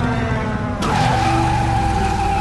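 A flying motorcycle ridden by a massive man lands hard and skids along the street. A loud tire screech rises over a steady engine roar, with no voices.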